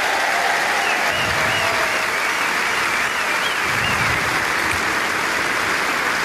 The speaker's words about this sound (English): Mesdames et messieurs, merci encore une fois d'applaudir Elina Svitolina